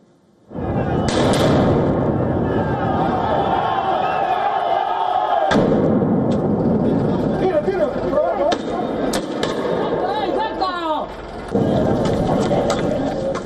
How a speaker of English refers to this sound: Explosions echo through the streets of La Paz as Bolivian miners engaged in a fiery clash with the police.